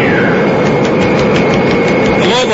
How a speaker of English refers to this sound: The surprise stewardess, quickly issuing oxygen masks to the passengers and depressurizing the cabin, unlocks the massive jet door. And as it slides open...